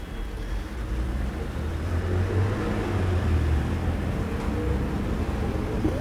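Steady street traffic on boulevard Saint-Germain, with taxis and trucks going by, rumbles throughout: a dense low engine drone with cars moving past at moderate loudness and no breaks, a continuous urban roar without any voices.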